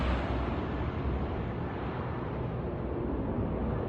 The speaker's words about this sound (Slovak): Vie, že motory väčšinou nabiehajú už na tretí, štvrtý krát, pričom vydávajú charakteristické hlasné zvuky a celé lietadlo sa roztrasie.